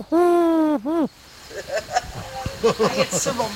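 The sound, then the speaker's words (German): A person voices a loud, hooting coo in imitation of a wood pigeon, one long note and a shorter rising one, followed by people chatting quietly. “Genau, Ringeltaube haben wir auch. Ich könnte euch noch mal so ein Spektiv zeigen. Ja, ich bin die größte Ringeltaube.”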